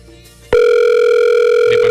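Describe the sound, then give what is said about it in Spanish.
After a brief low murmur, a loud, steady electronic phone tone starts and holds unbroken at one pitch, the sound of a call ringing on the line with no one picking up. “Pues ninguno va a contestar.”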